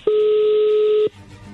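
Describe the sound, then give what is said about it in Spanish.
A telephone dialing tone: one loud, steady electronic beep holding for about a second, then cutting off to a faint low hum. “Ahí se está marcando.”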